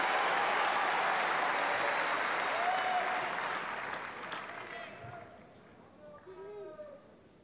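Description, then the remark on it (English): A tennis crowd on Court Number One at Wimbledon claps and cheers loudly for Davidovich Fokina as the players change ends during a tiebreak, a broad, dense wash of applause that gradually thins and fades, with a few whistles and scattered claps lingering at the end. “So Ogier Eliassin coming down to the commentary box end with Davidovich Fokina getting a big cheer as he strides towards the far end.”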